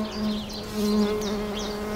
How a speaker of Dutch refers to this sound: Ik ga mijn microfoon eens een klein beetje langs houden, want die is hier volop aan het zoomen en stuifmeel aan het verzamelen.